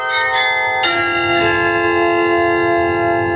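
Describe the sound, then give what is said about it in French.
Carillon bells in a belfry ring out loud, a few strikes in quick succession whose rich, overlapping tones hang and shimmer together in a long resonant decay, with no voices. “Et bravo Merci. Pour la prestation de carillon quand même.”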